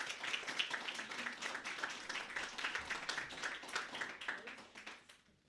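Steady applause from an audience welcoming an author about to read from her novel, a dense crackle of many hands clapping at once, holding level for several seconds before tapering off at the end.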